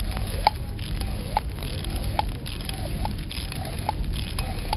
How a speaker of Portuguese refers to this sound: Quando você chegar mais perto da base do fogo, vai jogar água. Pode fazer um movimento. Na base do fogo. Isso. Pode fazer.